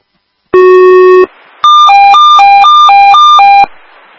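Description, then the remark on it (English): A Port Clinton Fire dispatch alert tone, toning out the fire boat requested by the Coast Guard for a boat on fire: a loud, steady electronic beep held for under a second, a brief pause, then a rapid two-pitch warble alternating high and low for about two seconds. “I guess I'll still tone it out.”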